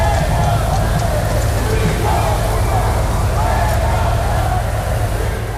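A large crowd at a military parade roars with booing and insults at Spanish Prime Minister Pedro Sánchez on his arrival, a dense, continuous wall of jeering voices that stays loud and steady throughout, with no single speaker standing out.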